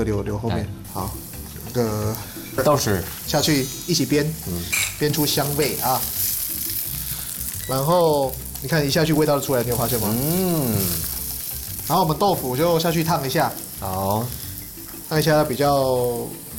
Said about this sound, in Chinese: 好了，锅中下油啦。下油哈。然后我们来先来煸这个菇、红萝卜、姜先煸。 好， 木耳不用哦哈，木耳就。 木耳跟那个笋子就后面下来就好了。好，我碧玉笋也先下去了。